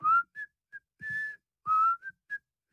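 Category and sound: human body sound, person whistling a tune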